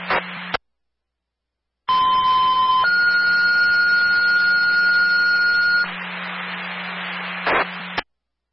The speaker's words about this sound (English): On the test of the Dublin fire alarm.